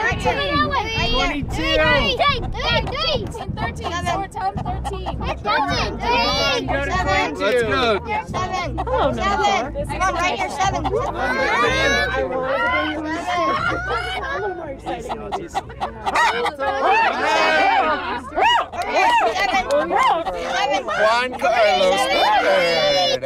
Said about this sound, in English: The sounds of chicken bingo at the Aspen Historical Society